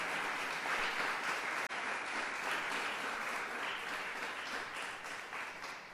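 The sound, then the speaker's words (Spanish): A church audience applauds for the Lord in a dense, steady wash of many hands clapping, loud and sustained for several seconds with a brief dip partway through, then tapering slightly toward the end. “Hermana, hermano, si le va a dar un aplauso al Señor, déselo.”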